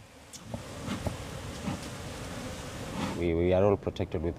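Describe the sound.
A steady, dense drone of many honey bees buzzing around beekeepers' hives in a mangrove area fills the first few seconds, continuous, before a person starts talking over the buzz near the end.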